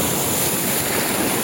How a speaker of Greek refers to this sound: Τι είναι αυτό, νονά, ήχος θάλασσας, ήχος θάλασσας, θαλασσάκι.